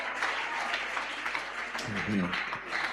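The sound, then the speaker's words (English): A crowd claps hands in a dense, steady patter, with a voice speaking over the applause in the background. “The ones who have not handy clap, God is going to make you fast 90 days.”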